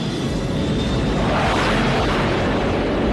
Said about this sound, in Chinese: 这就是中国舰队隆隆的炮声，用雷霆般的怒吼向全世界宣誓：南海，南海，你是我们的中国海。